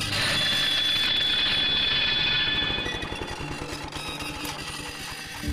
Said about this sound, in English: I was busy in the workshop while a student was using the lawnmower some 50 metres or so away. Suddenly, from the direction of the mower, came a sharp metallic screech.